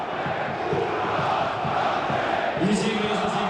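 A stadium crowd of Red Star Belgrade football fans chants loudly and steadily for the club management to go, a dense roar of many voices with a rhythmic pulse, swelling into a sustained sung chant near the end.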